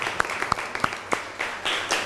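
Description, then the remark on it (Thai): A class applauds a student representative who has just answered, after the teacher asks for applause: a few sharp, separate claps at first, then a softer, denser patter of clapping from several people, fairly quiet overall and with no talking. “ขอบคุณค่ะก็ต้องขอขอบคุณตัวแทนนักเรียนนะคะขอเสียงปรบมือให้เพื่อนหน่อยค่ะ”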